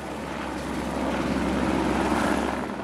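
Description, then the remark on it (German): A helicopter delivering 37 nets drones steadily overhead, its rotor producing a continuous low thrumming roar that swells slightly toward the middle and stays fairly loud throughout, with no voices. “Nach rund einer Stunde hat ein Helikopter sein Arbeit aufgeschlossen.”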